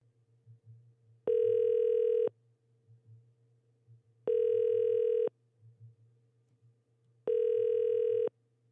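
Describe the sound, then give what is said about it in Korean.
A telephone line tone sounds while a confirmation call is placed from a Far East Broadcasting radio program: three loud, steady one-second tones with even two-second gaps, over a faint low hum and no talking. “제가 한번 확인 전화 한번 해볼게요.”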